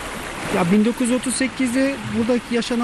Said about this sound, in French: Nous sommes sur les bords de la rivière, près de la petite ville d'Ovacık